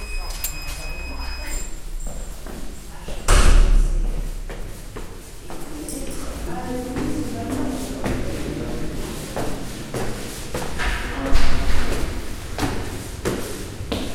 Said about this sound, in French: La porte est ouverte.